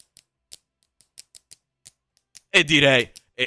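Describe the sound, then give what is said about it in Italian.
A string of light, crisp pen taps and clicks in an uneven rhythm picks out a pop tune, then a loud voiced outburst, like a cheer or laugh, cuts in near the end. “Quando vuoi puoi iniziare con le penne e fai, insomma, per riprodurre il motivetto di …”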